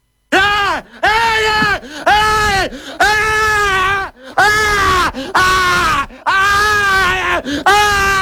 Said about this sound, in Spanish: Este flaco está mal de la cabeza. O sea, está mal, no puede gritar así.